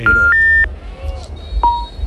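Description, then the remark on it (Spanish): Electronic phone-call tones of an unanswered call: two steady beeps at rising pitch, then a pause and another lower beep, heard over a low rumbling background with faint murmuring. “Paquito, no cogido, contesta, hombre.”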